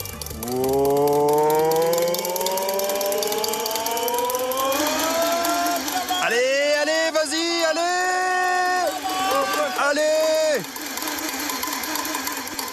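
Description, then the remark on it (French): A failed first attempt to start a car engine: a whining, cranking drone climbs steadily in pitch, then breaks into a choppy, stuttering run of tones before cutting off, with no talking over it. “L'instant magique est arrivé. Le synchro-saint démarrage du moteur.”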